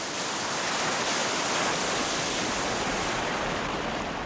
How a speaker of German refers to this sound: Magma lässt auch den kochend heißen Geysir Stockur tanzen.